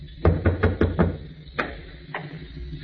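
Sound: knock on a door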